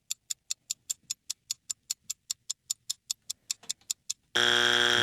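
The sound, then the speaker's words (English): A quiz timer ticks quickly and steadily about twenty times, then a loud, harsh buzzer blares abruptly and keeps sounding to the end. “Ooh, that's our buzzer.”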